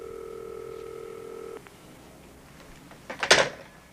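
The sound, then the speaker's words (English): A telephone rings once with a steady electronic tone lasting about a second and a half, then quiet line hiss with no answer, followed by a short clattering thump near the end. “Either she's not in or else it's a pay phone.”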